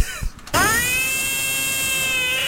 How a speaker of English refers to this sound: Was a red herring, but I'm afraid it actually was a frog being held.